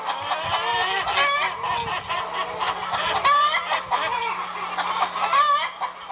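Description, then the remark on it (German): A flock of rented chickens at a children's daycare centre in Wittenberg, Germany, clucks and squawks continuously, overlapping calls filling the whole stretch with busy, chattering poultry noise and a low steady hum beneath. “Die Einrichtung hat sich jetzt Hühner auf Zeit angemietet.”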